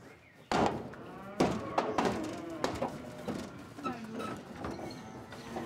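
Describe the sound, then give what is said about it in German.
Cows being herded in a barn to go out to pasture, on a farm with 70 cows, with clanking metal gates, shuffling hooves and a few low moos amid a busy, echoing jumble of knocks and movement. “Heute managt sie 70 sensible Kühe.”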